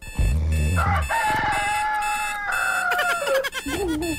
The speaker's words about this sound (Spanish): kikiriki, cantó el gallo.